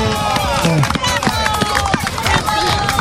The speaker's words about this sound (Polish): Natomiast dzisiaj będziemy mieć inaugurację korzystania z części bieżni. Przedszkolaki na dystansie 100 metrów pokażą, jak korzystać z takiej nawierzchni sportowej. Uwaga! Przedszkolaczki startują!